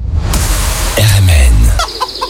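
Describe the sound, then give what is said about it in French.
Chickens cluck in a busy cluster while a rooster crows loudly over them, with more calls overlapping against a noisy, crowded background, at a bird and poultry fair in Pontivy. “44e foire aux oiseaux, 17e foire aux volailles et 3e foire aux plantes à Pontivy.”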